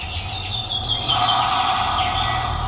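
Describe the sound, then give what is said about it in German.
Birds chirp continuously through a thin, band-limited channel like an intercom, with a steady hiss and low hum underneath; no one speaks. “Ich höre sogar die Vögel durch die Sprechanlage.”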